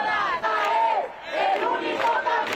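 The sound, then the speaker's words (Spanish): A protest crowd shouts together at night in loud, sustained chanting, demanding changes after a person's death, many voices rising and falling in waves with a brief dip in the middle before surging again. “El dolor dio anoche paso a la rabia y el silencio a los gritos.”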